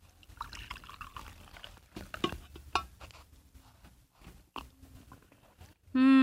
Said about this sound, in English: Here, I'll pour you a cup of coffee.